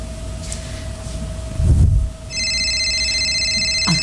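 After a brief low thump, a cellphone begins ringing with a bright, high electronic ringtone for an incoming call that continues steadily to the end, clear against a faint background hum.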